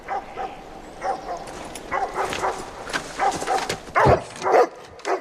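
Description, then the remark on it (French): Several dogs bark and yip in a rapid, overlapping, loud flurry, with a few higher whining yelps mixed in; the barking keeps going through the whole stretch. “Tue ces maudits chiens, nom de Dieu!”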